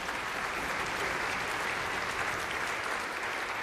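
An audience applauds a group of viola players, clapping steadily throughout, a dense, even wash of many hands at a constant, fairly loud level with no pauses or voices standing out.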